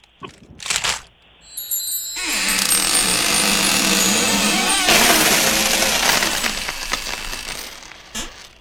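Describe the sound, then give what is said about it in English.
A key is twisted in a heavy treasure chest lock: a few sharp metallic clicks, then a long, loud grinding rattle of the mechanism that fades out with a final click. “The key in the lock.”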